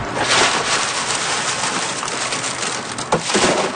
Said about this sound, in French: C'est pour aller chercher le haricot à l'intérieur. Je les écrase avec les mains. Puis après, avec le vent, j'envoie ça ici, on appelle ça vanner. C'est que là, avec le vent, la cosse, ça s'en va, puis le grain tombe.